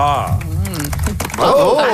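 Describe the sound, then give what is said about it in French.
Light, scattered golf-style applause from a small group after a speech about a Hydro-Québec agreement: a few sparse, crisp claps patter unevenly under a voice speaking over them, staying thin and polite rather than building into loud clapping. “J'adore les petits applaudissements. Il y avait des applaudissements de golf.”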